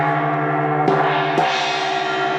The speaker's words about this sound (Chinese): 锣呢它属于一个整体的共鸣乐器，锣锤呢来敲击这个锣芯，然后这个整体的锣光部位就会抖动，带动四周的锣帮开始颤抖， 嗯， 通过整体的均匀颤抖来发声。